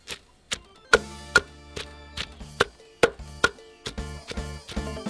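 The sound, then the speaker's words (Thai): Herbs being pounded fine in a mortar with a pestle: a string of sharp, ringing thuds in an uneven rhythm, about a dozen strikes, fairly loud, with no voices. “จากนั้นจึงมาเตรียมโขลกป่นนำพาสมุนไพรลงครกโขลกไปให้แหลก”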